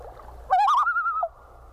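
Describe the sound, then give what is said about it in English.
A single wavering, trilled type 2 tremolo call from a bird, loud, starting at the same pitch as the type 1 call and then jumping about a third of an octave higher for the rest of its roughly one-second run before breaking off. “The type 2 tremolo begins at the same pitch as the type 1 call, but then jumps about a third of an octave.”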